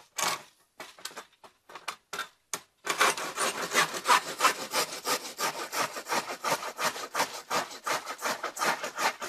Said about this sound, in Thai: มันน่าจะต้องคมน่าดูเลยเนาะ ใช่ครับอันนี้ยังเลื่อยใหม่